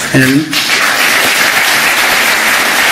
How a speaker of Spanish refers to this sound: Primera ovación del discurso florentino cuando se refiere al caso Negreira.